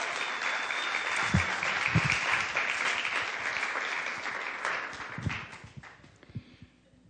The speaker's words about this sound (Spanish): Muchísimas gracias. Gracias, gracias por sus calurosos aplausos.